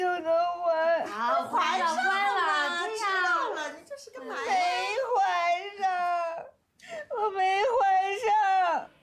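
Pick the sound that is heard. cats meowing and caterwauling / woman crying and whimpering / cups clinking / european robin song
woman crying and whimpering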